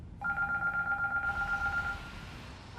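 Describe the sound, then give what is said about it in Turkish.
A telephone rings with a steady, warbling electronic trill for nearly two seconds, fairly loud against a faint background hum, then stops. “Şu telefona bakabilir mi biri?”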